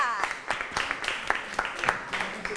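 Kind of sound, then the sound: crowd, classroom applause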